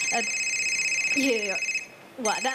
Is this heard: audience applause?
no